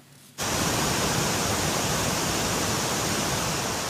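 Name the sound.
waterfall rushing water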